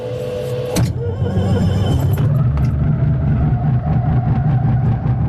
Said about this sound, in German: Dann zwänge ich mich ins enge Cockpit vom Zweiplätzer, ich vorne den Peter Schmid hinein, wir machen die Tube zu und starten den Motor